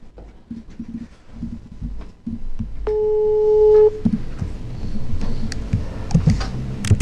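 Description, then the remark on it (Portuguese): A single steady telephone ringing tone sounds for about a second, moderately loud, amid low background rustling and clattering noises before and after it, as a phone call is placed to a contest participant. “É hora de fazermos as ligações.”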